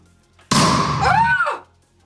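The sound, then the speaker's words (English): A single hard, loud smack on a strength-test machine's ball, ringing into a noisy, warbling mechanical sound that fades after about a second, the machine registering a score of 97.4. No one speaks. “Will you hit my ball as well there this time?”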